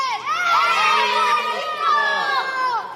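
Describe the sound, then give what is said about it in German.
A crowd of children practising the wave (La Ola) cheers and shouts together in a loud, sustained roar, voices rising and falling in waves. “Und dafür üben die Kids schon mal die Welle, La Ola, die übrigens durch die Weltmeisterschaft 1986 weltweite Berühmtheit erlangt hat.”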